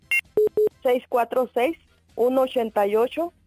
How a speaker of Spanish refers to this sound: ¿Otra vez el teléfono?